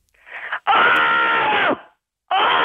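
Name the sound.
person screaming loudly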